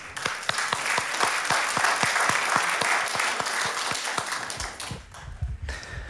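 A crowd applauds loudly for about five seconds, a dense wash of clapping with a steady rhythmic beat running through it, then it quickly dies away into low murmuring.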